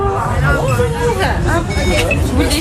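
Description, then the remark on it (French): A dense crowd hubbub of many overlapping voices chattering at once, steady and fairly loud, with no single speaker standing out: the first visitors at the entrance of the Foire Comtoise trade fair at Micropolis, having their tickets scanned. “À l'entrée de la foire comtoise, Chloé scanne les billets des premiers visiteurs.”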